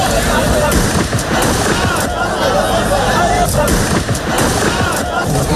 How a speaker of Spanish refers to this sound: Estos son disparos al aire, no a la persona. Al aire.